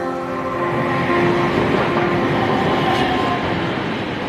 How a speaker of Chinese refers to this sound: 拉各斯轻轨蓝线作为西非地区首条电气化轻轨，一期工程全长13公里，共设5座车站，设计时速80公里每小时，是当地有史以来施工难度最大的基础设施工程之一。